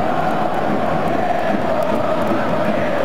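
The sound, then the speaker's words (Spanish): A dense, steady roar of a large football stadium crowd in Houston at a Brazil versus Japan match, with many yellow shirts and Japanese fans shouting and cheering. The noise is loud and unbroken for the whole stretch, with a faint sustained tonal hum running through it. “Muchas camisetas amarillas, pero los que gritan son los japoneses, ¿eh?”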